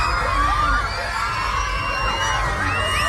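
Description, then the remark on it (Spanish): A crowd of schoolchildren at a school screaming and shrieking together in panic as they feel a strong magnitude 7.8 earthquake in the southern Philippines in the early morning. Many overlapping high voices rise and fall continuously, loud, with a low rumbling commotion underneath. “Son los gritos de los niños de un colegio que han sentido el fuerte temblor, un seísmo que ha tenido ya una réplica de intensidad de 6,1 y que ha hecho que las autoridades emitan una alerta por tsunami en la costa filipina y en el sureste de Japón.”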